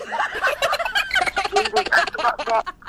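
A chicken calls loudly with a rapid, bubbling gobble-like warble that runs almost continuously for a few seconds, with no talking over it.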